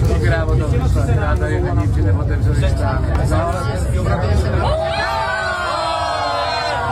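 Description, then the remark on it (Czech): A crowd cheers and shouts loudly as the first cable car cabin passes on its way up, the roar of many voices lasting about five seconds before giving way to a steady high whine and hum of machinery. “protože jak jinak zjistit, mimo reportáže, jak lidi jásají, když projede první kabina nahoru, obsazeno, a změní se na červenou, stydlivou.”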